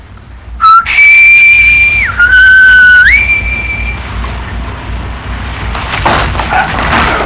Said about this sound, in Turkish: Öyleyse tam zamanı. Sen vazife başına gidince düdüğü çalacaksın.